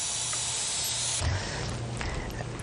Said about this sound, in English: So to get the rice paper, we just want to start with some hot water. Just hot water from the tap is absolutely fine. So fill up a nice bowl, something like this. This is actually a pie dish.